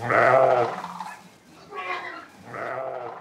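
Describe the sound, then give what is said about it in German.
Three sheep bleats in a row, each a wavering, harmonic cry; the first is loudest and longest, followed by two softer calls with short pauses between them, as sheep are driven out to pasture on a farm in North Rhine-Westphalia, Germany. “Zuerst muss er die Schafe auf die Weide bringen.”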